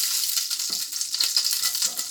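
Hot fat sizzles steadily in a frying pan where breaded cutlets are frying, a dense crackling hiss with scattered sharper pops, fairly loud, with no voices.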